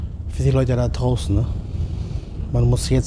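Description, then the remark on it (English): Strong wind roars steadily in bad weather at sea during fishing, with rough sea noise from rising waves underneath. The wash is constant and loud and fills the background while a person talks over it in short bursts. “Bad weather. The wind is strong and the waves are getting higher.”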